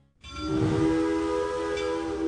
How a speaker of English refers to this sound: When you hear that whistle, you know exactly where you are.